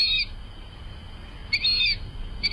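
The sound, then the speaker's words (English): Fulvous whistling duck calls: three shrill, squealing whistles, a short one, a longer drawn-out one, then a quick clipped note, over a low background rumble with no talking. “But birders in North America know the word in association with today's featured feathered friend, the fulvous whistling duck.”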